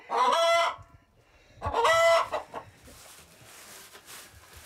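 Two loud, harmonic calls from chickens, a rooster crow and a hen's squawking cluck, about a second apart, followed by quieter clucking and rustling in the background. No one speaks.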